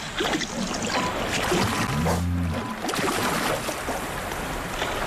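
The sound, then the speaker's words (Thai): Animals slide through mud at the water's edge, not yet swimming much, with a boat nearby meant to lure them into deeper water; a steady wet sloshing and squelching, with a brief low droning tone rising and falling in the middle. “พวกมันแค่ถลายไปตามโคลนยังไม่ว่ายน้ำเท่าไหร่แต่เรือนี่อาจเป็นสิ่งล่อใจให้พวกมันลงน้ำลึกขึ้นแบบนั้นถึงจะเห็นว่าพวกมันว่ายน้ำเก่งแค่ไหน”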